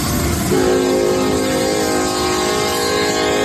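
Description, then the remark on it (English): A loud, sustained train horn blares continuously over the rumble of a passing train in Buda, its steady harmonic tones holding for several seconds. “Listen to that horn!”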